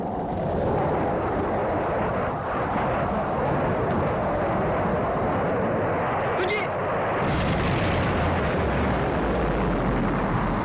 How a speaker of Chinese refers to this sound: 1964年6月29日7时，东风二号导弹在发射场点火升空。 这次一点火一发射，这个火箭飞的特别好，笔直笔直的起来，大家非常兴奋的。